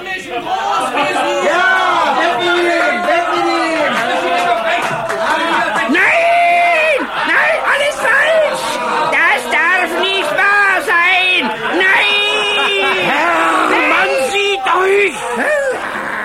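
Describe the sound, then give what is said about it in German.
A loud, dense crowd of townspeople shouts and cheers continuously as a man in a cage is carted through a splendid city, many overlapping voices whooping and yelling together, with rising and falling cries throughout and no pause. “Unter dem unbeschreiblichen Jubel der Bevölkerung wurde er von seinem treuen Mietsklaven Tunichgut durch die prunkvolle Stadt gekarrt”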